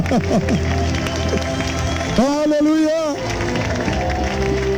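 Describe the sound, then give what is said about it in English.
An audience claps hands to Jehovah in a steady, dense wash of applause, with crowd noise and voices throughout; midway, one voice rises into a long, wavering held note over the clapping. “Let us clap to Jehovah.”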